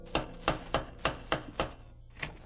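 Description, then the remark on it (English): At 8 o'clock, an old-fashioned door knocker on a door across a porch raps sharply six times in a quick, even rhythm, then after a short pause strikes once more, softer. Each blow is a hard, resonant thud with no voices. “It was just 8 o'clock as I went up the creaky steps across the porch and knocked with the old-fashioned knocker.”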